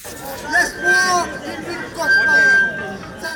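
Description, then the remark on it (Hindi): A protest crowd of Mauritians shouts slogans against pension reform on the streets of the capital during a peaceful march organized by several trade unions, holding posters and banners. Loud, surging waves of many voices, with chanting swelling twice over a steady murmur and a thin, high whistle-like tone cutting through briefly. “आवाजें ऊंची हुई, राजधानी की सड़कों पर नारे गूंजे, हाथों में पोस्टर और बैनर लिए प्रदर्शनकारियों की एक ही मांग, किसी भी रूप में पेंशन सुधार को स्वीकार नहीं किया जाएगा।”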